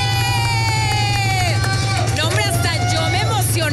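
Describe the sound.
A crowd cheers and claps steadily and loudly throughout, with high whoops and shouted voices rising and falling over a constant low rumble of noise.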